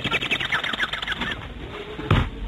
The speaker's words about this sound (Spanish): Maldito National Geographic, me tuve que aguantar una de pajaritos cogiendo y yo que no puedo hacer eso.